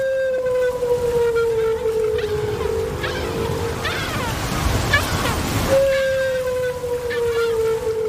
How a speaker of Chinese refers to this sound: 丽萨的水听器捕捉到了大赤鲸在水下的叫声，扬声器中传出了大赤鲸悠长的叫声。这种声音听起来像是来自外太空